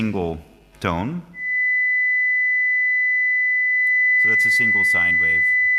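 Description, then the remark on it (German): A single steady pure tone at a high pitch holds unbroken for several seconds, with a man speaking briefly before it starts and again over its final stretch. “Das ist eine einzelne Sinuswelle, 2000 Hertz.”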